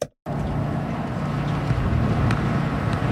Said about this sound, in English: Oh, boy. Hello. It's a windy one.